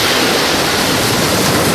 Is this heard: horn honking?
no